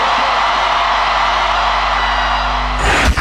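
A large crowd roars with loud, steady cheering and clapping that fills the whole clip, with scattered whoops and yells, swelling briefly near the end before cutting off.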